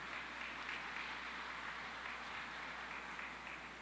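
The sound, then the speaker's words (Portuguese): A steady round of applause at a religious celebration for the person receiving the last Bible given out, many hands clapping in a dense, continuous crackle that holds at an even level for a few seconds with no voices heard. “Está aqui, uma salva de palmas.”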